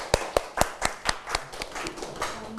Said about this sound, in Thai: ถูกต้องนะครับปรบมือให้เพื่อนด้วยนะครับ